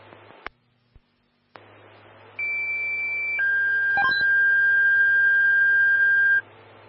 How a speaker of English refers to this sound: stand by for tones on a fire alarm.